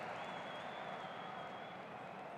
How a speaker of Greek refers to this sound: Ακούσαμε και τα χειροκροτήματα από τους φίλους της West Ham που πικάρουν τον Σέγκεσιτς, τον παίχτη που άνοιξε το σκορ το παιχνίδι.